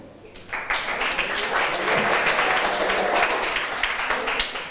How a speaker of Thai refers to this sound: ถัดมาขอเชิญกลุ่มที่4ได้เลยปรบมือให้เพื่อนหน่อยค่ะ